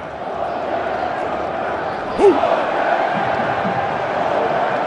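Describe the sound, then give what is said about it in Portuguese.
A stadium crowd of Norway football fans roars in a steady, dense wash of cheering after Norway scores to lead 2-1, with one brief sharper shout rising above the din midway through. “2-1 Noruega, para a alegria dessa torcida que você está ouvindo aí.”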